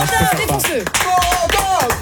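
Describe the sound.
An audience claps steadily while voices whoop and cheer over the applause, a lively, dense burst of clapping lasting a couple of seconds.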